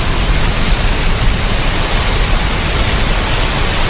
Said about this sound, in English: That's, in case you've forgotten, what rain sounds like. I mean, hopefully you've had a bit by now after all those weeks of hot weather, but if not, this'll jog your memory, yeah?